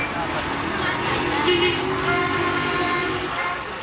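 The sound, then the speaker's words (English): Dense, steady traffic noise from gridlock fills a street in Toronto, with car horns honking in the mix and indistinct voices murmuring underneath the constant rumble. “You're stuck in gridlock right now. How big of a problem is traffic in Toronto?”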